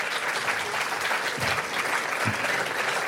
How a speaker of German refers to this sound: Auch nicht schlecht, ne? Dankeschön. War auch nicht schlecht, auch der Beifall.